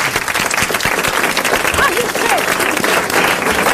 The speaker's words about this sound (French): Eh bien, je crois que notre correspondant a bien mérité que vous l'applaudissiez.